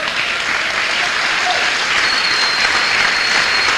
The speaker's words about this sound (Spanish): Aquí pido yo que aplaude y gloria a Dios que aplaudan, pero algunos no me convencen.